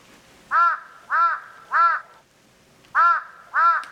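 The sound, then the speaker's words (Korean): A crow caws five times close by, in front of an herbal medicine shop in the late afternoon: loud harsh calls in a group of three, then a pause before two more, with no other sounds around. “까마귀가 지척에서 울었다.”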